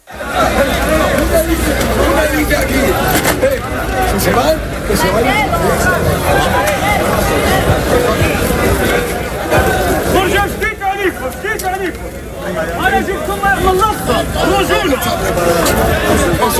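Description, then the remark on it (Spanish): A dense, agitated crowd roars continuously during an afternoon tumult with riot police, many overlapping voices shouting and calling out at once amid attempts to push, loud and unbroken throughout, with occasional sharper raised cries rising above the din. “durante la tarde ha habido en algún momento tumulto, es decir, gritos, intentos de empujar”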